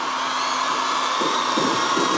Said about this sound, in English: Listen to that crowd.